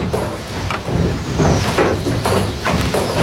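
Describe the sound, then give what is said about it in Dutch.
Heavy wooden machinery of a drainage windmill, worked by a miller to pump water off a polder on former peatland, thumps and stamps in a steady, loud rhythm, with low booming knocks repeating roughly every half second over a rumbling, creaking mechanical drone. “En je hoort al dat gestamp en dat gebonk. Dat dreunt zo over dat veengebied.”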